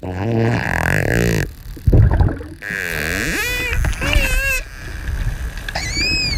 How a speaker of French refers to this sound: C'est bien un dauphin hein, qu'on entend, là. Alors, qu'est-ce qu'il fait ? Alors, les premières vocalisations, c'est ces clics qui sont très rapprochés. Donc, ça fait comme un buzz.